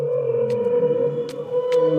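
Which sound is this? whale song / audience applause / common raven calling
whale song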